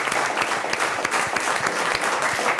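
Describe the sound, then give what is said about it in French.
An audience applauds a guest's effort after a wrong quiz answer, a dense, continuous patter of many hands clapping at once, fairly loud, sustained without a break for a few seconds. “On applaudit à nouveau l'effort de notre invité, puisque c'est une mauvaise réponse.”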